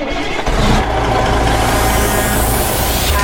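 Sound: car engine starting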